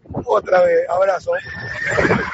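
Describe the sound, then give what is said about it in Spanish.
A vehicle horn blares a loud, electronic horse whinny in place of a classic horn sound, a rising and falling neigh that holds a long tone before fading, sounding harsh. “En vez del sonido clásico del claxon, como decían antes, este tiene relincho.”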